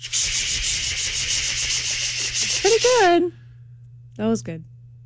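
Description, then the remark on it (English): A voice imitates a cicada as an example, with a raspy, high-pitched buzz held for about three seconds, slipping into a wavering vocal whine. A short, similar squeal follows after a pause, over a steady low hum. “exposed to high-pitched cicada sounds for over 4 hours”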